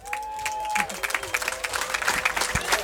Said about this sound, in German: Herzlichen Applaus, meine Damen und Herren, liebe Menschen